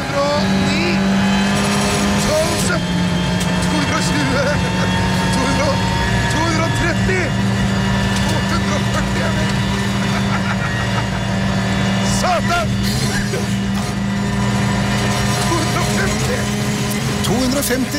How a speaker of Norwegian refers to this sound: Nå var det riktig nok en bil ikke lagd for noen i baksetet. Det var jo en ordentlig VRC-bil. Oi, på Golsfjellet. Det gikk ganske fort, altså.